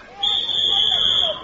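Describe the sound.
A single long, shrill whistle blast, blown to let people in, holds one steady high pitch for about a second, with faint murmuring voices underneath.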